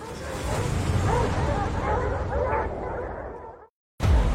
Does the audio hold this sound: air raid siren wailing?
no